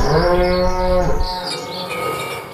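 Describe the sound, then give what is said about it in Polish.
A cow gives one long, low moo lasting about a second, its harmonics bending slightly before fading, followed by quieter outdoor background with faint bird chirps. “I ten dźwięk byście usłyszeli. I od razu wiedzielibyście, że to jedyny w swoim rodzaju serek z krówką.”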